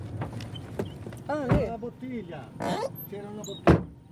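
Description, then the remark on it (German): People climb out of a car: a few soft clunks and rustles, then a solid door slam near the end, with muffled voices talking in between. “Wir steigen aus.”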